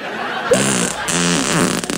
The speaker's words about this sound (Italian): Lo sapeva che io riesco a scorreggiare dal culo a richiesta?